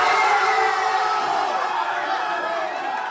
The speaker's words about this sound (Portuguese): Mas ele e outros torcedores mexicanos também soltaram a voz, dessa vez para gritar gol, ainda no primeiro tempo.